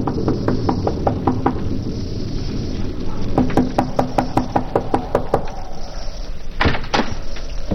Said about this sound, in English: It is early in the evening, but the sky over Westchester County is dark and signals the approach of a storm as a solitary traveler makes his way to the Wharton farmhouse, a lonely cottage overlooking the valley. He knocks at the door.